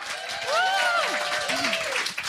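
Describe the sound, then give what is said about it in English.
Steady, dense audience applause at the JJO Sound Lounge fills the whole stretch, with a few rising and falling whoops or cheering voices riding over the clapping. “I noticed you weren't clapping, madam.”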